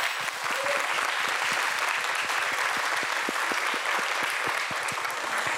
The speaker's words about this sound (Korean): 그 뜨거운 날씨 속에서도 오늘 이 무대를 위해 누구보다도 열심히 준비해온 여섯 팀 모두에게 따뜻한 격려의 박수 한번 보내주시기 바랍니다.